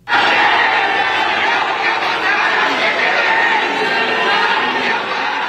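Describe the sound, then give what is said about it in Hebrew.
A large crowd at Seoul's airport jeers and boos the arriving South Korean national football team, a dense, continuous wall of many voices shouting and calling out at once, loud throughout. “עם קריאות בוז וחס, אוחזים בשלטים שמציגים את המאמן כפינוקיו עם אף מעוות וארוך, ואומרים, תחזיר את הכסף ותסתלק, דורשים פירוק מוחלט של התאחדות הכדורגל הדרום קוריאנית.”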